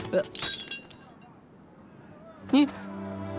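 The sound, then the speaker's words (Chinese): A beggar's begging bowl, smashed by an angry inn waiter, breaks with a sharp crash and brief clattering shards, followed about two seconds later by a second hard impact, over a low steady background hum. “还砸了他要饭的碗。”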